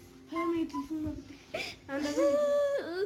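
A person sobs and cries in a news report about Afghanistan denying girls education, with wavering, strained vocal wails broken by short catches of breath and a higher, drawn-out cry near the end.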